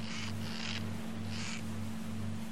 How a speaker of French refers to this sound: C'est des chaussures qui grincent, elles viennent par ici. Oh, les Grillons ne portent jamais de chaussures.